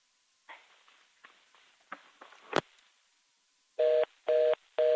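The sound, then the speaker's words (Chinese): Soft clicks and handling noises with one sharp knock, then three loud, steady telephone dialing tones in an even rhythm as a phone is dialed, with no one talking. “我来，恁电话做恁拨的，谢谢，喂，你好。”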